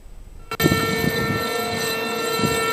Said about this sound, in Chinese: 在黑龙江哈尔滨防洪纪念塔，悠长肃穆的警报声划破长空，响彻全城，社会各界代表庄严肃立，向抗日战争中英勇牺牲的革命先烈默哀致敬，深情缅怀革命先烈丰功伟绩。